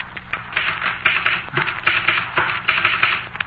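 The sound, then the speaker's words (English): A typewriter clatters rapidly and steadily, its keys striking in a dense, uneven stream of sharp clicks, fairly loud, with no voices present. “Look at my typewriter.”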